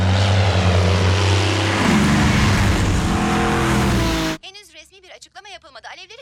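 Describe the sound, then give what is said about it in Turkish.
A loud airplane roars overhead for about four seconds, its droning engine tone shifting in pitch, then cuts off abruptly as a voice begins speaking. “Ona kalırsa bu askeri bir deneymiş. Ama bana sorarsan bir uçak.”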